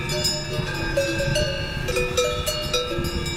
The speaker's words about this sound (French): Et la réponse, c'est Ochsenalp, puisque nous venons d'entendre non pas des vaches, mais des bœufs. Et non pas juste dans un pré, mais dans les Alpes. Et Ochsenalp, c'est dans les Grisons.